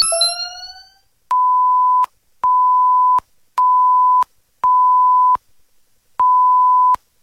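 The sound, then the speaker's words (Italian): A radio time signal of five steady, clear beeps at a single pitch, evenly spaced with a slightly longer pause before the last, after a brief whooshing sweep at the start. No voices. “L'ora esatta ti è presentata da Sveglia Ragazzi!”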